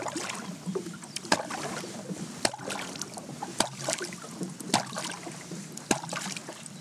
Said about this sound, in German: Ich klopfe jetzt erstmal eine lange Serie oder eine kurze Serie? Ich klopfe uns mal das Lied vom Wallertod ein.